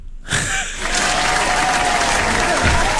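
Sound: applause sound effect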